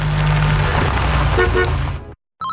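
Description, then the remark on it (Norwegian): A car engine roars loudly with a rising whine layered over the rumble, the whining noise the car makes in turns, then cuts off abruptly into a brief silence before a short tonal sound. “Bilen min lager slik vinelyd i svinga.”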